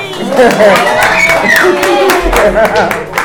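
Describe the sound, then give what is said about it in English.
Scattered, irregular hand claps, sharp and fairly loud, sound over a few seconds while voices talk and chatter underneath. “The baby, clap for yourself again. Clap for yourself.”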